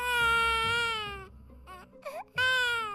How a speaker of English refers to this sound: The tiger quietly walked closer. Then, he heard a child crying.